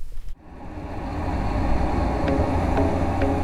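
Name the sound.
simulated road traffic noise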